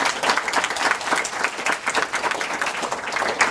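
A crowd applauds steadily, many hands clapping in a dense, continuous patter that stays fairly loud and even throughout, with no voices standing out.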